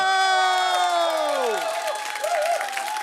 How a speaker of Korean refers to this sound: 자, 방청객의 환호소리, 웃음소리, 또 박수소리 다 이렇게 쭉쭉 여러분들 즐겁게 하는 이유는 현장에 오면 즐겁기 때문입니다.